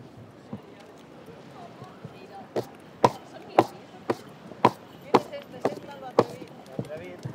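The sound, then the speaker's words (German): Horse hooves clop on hard pavement in a steady walking rhythm during the horse festival procession of the Fiesta de San Juan through the town of Fornells, faint at first and then loud, about a dozen sharp strikes over a murmuring crowd. “Mit dem Eselreiter beginnt der erste Teil, die Prozession durch den ganzen Ort.”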